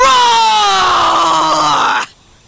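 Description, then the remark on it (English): A person's voice lets out a single loud, sustained roar imitating a bear, eyes scrunched up and teeth shown. The rough, drawn-out cry slides slowly downward in pitch for about two seconds, then cuts off abruptly. “You scrunch up your eyes like this, and show your teeth like this, and roar like this.”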